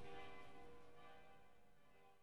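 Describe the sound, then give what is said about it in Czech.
Large cathedral bells strike noon, ringing in a dense, resonant wash with sustained harmonic tones, loud and decaying slowly over a couple of seconds, with no voices present. “Zvona s katedrale udaraju podne.”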